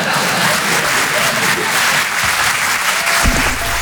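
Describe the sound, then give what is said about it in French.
Sustained applause from an audience in Paris, a dense steady wash of clapping at high level throughout, with a brief low thump near the end. “Voilà, n'applaudissez pas sur ça, on est à Paris, je sais.”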